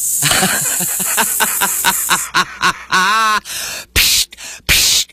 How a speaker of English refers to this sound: It's like a Dom DeLuise in Blazing Saddles. Sounds like steam escaping.